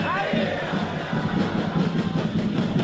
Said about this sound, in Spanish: Siguen saliendo los jugadores. Sánchez, ahí viene, se chocan las palmas, La gente le grita, escuchen.